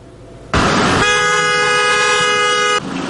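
car horns honking

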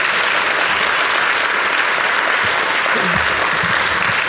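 audience applause

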